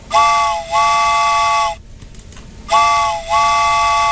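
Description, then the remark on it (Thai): A loud train whistle sounds in two pairs of long, steady blasts, with a short break between the pairs and no voices. “เอาล่ะหมดแล้วล่ะเนาะรถไฟไปแล้วค่ะ”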